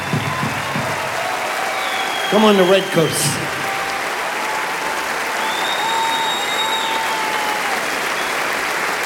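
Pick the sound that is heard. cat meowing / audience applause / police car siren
audience applause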